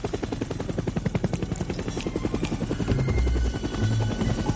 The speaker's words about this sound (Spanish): Pero el descanso dura poco. A cientos de metros de altura, un helicóptero privado sobrevuela la propiedad.